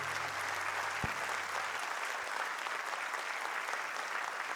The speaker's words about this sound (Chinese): 谢谢，感谢大家的这个掌声。